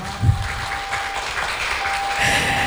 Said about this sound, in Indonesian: Tepuk tangannya dong.